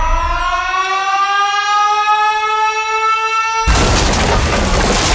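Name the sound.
alarm siren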